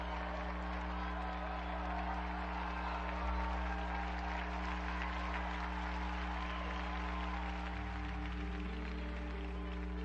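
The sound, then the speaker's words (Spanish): An audience applauds the martyrs of the Jesuit College of Graz. The applause lasts about ten seconds, a dense, even patter of many hands clapping, with low sustained tones droning underneath that shift pitch near the end. “Unidos, pues, a la Iglesia de Eslovaquia y a todos los exalumnos de los colegios jesuitas, brindemos nuestro sincero aplauso a los mártires del Colegio Jesuita de Graz.”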